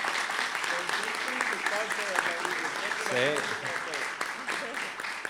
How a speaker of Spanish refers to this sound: Después tenemos que sacar un aplauso para todos. Para todos.